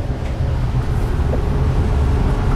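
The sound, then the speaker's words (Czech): A steady low rumble and hum fill the inside of a moving train bound for Mariánské Lázně, with a continuous rolling drone and faint higher rattles, no voices. “Sedím ve vlaku směr Mariánské Lázně, kam jedu úplně poprvé v životě.”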